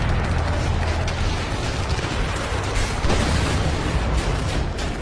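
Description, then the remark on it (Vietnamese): Heavy artillery fire at the Độc Lập strongpoint, Điện Biên Phủ, at 17:00 on 14 March 1954, rumbles without pause, deep booms blending into a dense, roaring barrage that stays loud throughout, with a few sharper blasts standing out from the wall of noise. “Mười bảy giờ, cứ điểm Độc Lập rung chuyển trong tiếng ầm ầm của đại bác.”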